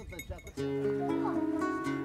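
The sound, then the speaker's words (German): A flock of sheep, guarded by a shepherd and his dogs, bleats in a dense, overlapping chorus with faint bells among them, loud, following a brief snatch of voice at the start. “Und die werden streng bewacht vom Schäfer und seinen Hunden.”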